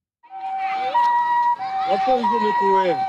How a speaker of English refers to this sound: The sound of ambulance sirens carrying Ebola victims has become very familiar in Ituri province in the northeast of the Democratic Republic of Congo.